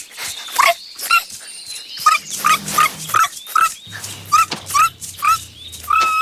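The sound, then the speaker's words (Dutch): A small dog, Super Woezel, yips and barks in a quick, uneven string of short high-pitched bursts, with whimpering whines mixed between them, fairly loud. “Mal hondje.”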